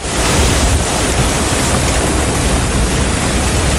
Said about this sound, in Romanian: În Slatina, vântul puternic a pus la pământ mai mulți copaci.